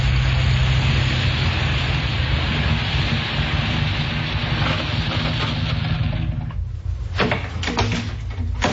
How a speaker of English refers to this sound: Can you hear something? A car. And coming from that direction? Must be the police. Yes, you can see the fog lights now.